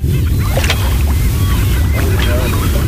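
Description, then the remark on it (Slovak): Faint, scattered calls from the bird colony of Bird Island drift in, half-buried under a steady rumble of wind and water at a gravel shore. “V pozadí počujeme aj obyvateľov Vtáčieho ostrova, kedy vznikol, ako sa budoval a koho tam môžeme vidieť, teda z vody, pretože na Vtáči ostrov je zrejme zakázané ísť.”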